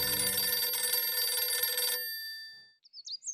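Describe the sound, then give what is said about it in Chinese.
A loud, clanging telephone bell rings continuously for about two seconds, then its metallic tone fades away, followed by a few faint high chirps at the end. “于是便打电话把严佑文叫到了家里”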